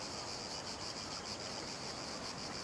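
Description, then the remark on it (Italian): A dense chorus of cicadas on the Mediterranean shore buzzes without pause, a loud, shrill drone that swells and eases in quick rhythmic pulses, with no voices present. “Cosa sarebbero le rive del Mediterraneo senza il canto delle cicale?”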